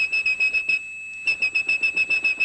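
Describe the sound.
A steady, piercing whistled 2600 hertz telephone tone, the signal telephone switching systems used to mean a call had ended, held at one high pitch, briefly dropping quieter midway, with a rapid rhythmic pulsing throughout. Clear, with no talking.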